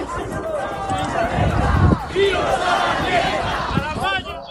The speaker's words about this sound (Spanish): Como puedes escuchar, Ángel, gritos contra el gobierno regional de la Comunidad de Madrid.